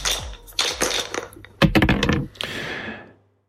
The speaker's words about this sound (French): Je vous laisse lancer les dés